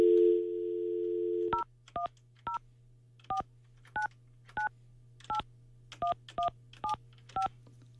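A steady dial tone gives way to a quick series of about eleven short, clear telephone keypad beeps, each a paired-tone chirp, dialed in an uneven rhythm over a faint low hum, as a phone call is placed to a participant.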